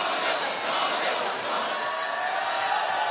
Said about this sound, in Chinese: 现场的欢呼声大大提升士气。